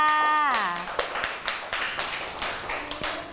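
A group of children claps their hands in a quick, uneven patter that runs steadily for a few seconds, with a brief falling tone heard at the very start.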